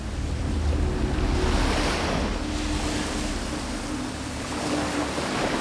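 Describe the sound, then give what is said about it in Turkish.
Ocean waves wash steadily onto the shore in a continuous, broad rushing roar, with wind noise buffeting underneath and no voices. “Kaybedecek vakit yok. Doğruca okyanusa.”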